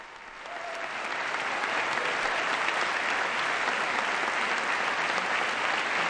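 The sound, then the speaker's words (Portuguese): Sustained applause from a large crowd at the UNESCO headquarters in Paris welcoming the Pope, steady and dense clapping that swells in the first second and holds at a loud, even level throughout, with no voices standing out. “É um longo, longo aplauso de boas-vindas à Sua Santidade.”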